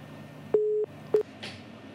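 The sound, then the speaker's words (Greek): A steady electronic telephone tone beeps on, cuts off, then sounds again briefly, the on-off pattern of a busy signal on a failed call, clear over a faint line hiss. “Μήπως υπάρχει κάποιο άλλο τηλέφωνο, τι έγινε, καιρό είχε να μας το κάνει αυτό, δεν μπορώ να καταλάβω.”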